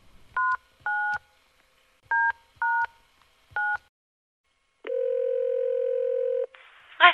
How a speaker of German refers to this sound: Als sie die Nummer gefunden hatte, überlegte sie kurz und wählte dann diese auf der Zahlentastatur ihres Handys.